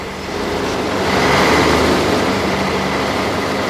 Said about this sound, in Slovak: Tu veľký ruch, viete, sú stoja a vozidla, tá zase vlak stojí a není nejak si označená, že je to Botová ulica.